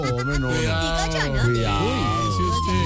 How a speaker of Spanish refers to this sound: ¿Qué pasó? ¿Una ambulancia? Pues sí, claro, una ambulancia.